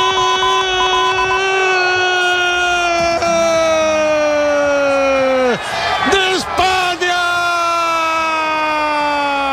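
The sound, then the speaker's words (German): A loud, sustained siren-like wail drones steadily, its pitch sagging slowly, with a few swooping dips near the end, over crowd noise and a man's excited shout, as Spain celebrates at night after beating Argentina 1:0 in extra time of the World Cup final. “Nach dem Abpfiff kannte der Jubel in Spanien natürlich keine Grenzen mehr.”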